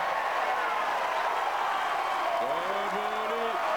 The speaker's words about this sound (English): And just listen to the reaction. That was a fine rally. But the crowd are really into this, trying to raise Cobolli's level.